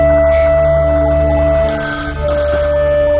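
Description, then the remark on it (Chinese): A telephone rings loudly, a sustained electronic bell tone that keeps sounding through the whole moment with a brighter, shriller layer joining partway. Nobody speaks. “我去接个电话。”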